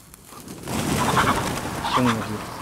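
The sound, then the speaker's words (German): Chickens cluck and squawk restlessly and noisily in an outdoor enclosure as they are being moved from a small practice enclosure into a larger one, with brief harmonic calls near the end and a faint murmur of human voices. “Kommt mal schnell, wir müssen die Hühner wieder einfangen.”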